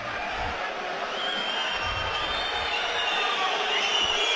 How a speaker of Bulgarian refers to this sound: Логични са и тези освирквания от трибуните, от феновете на Ботев Пловдив, но такава е реалността.